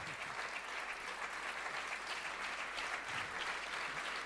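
Sustained applause from a crowd, a dense wash of many hands clapping steadily with no pauses, heard at a moderate distance and filling the whole stretch.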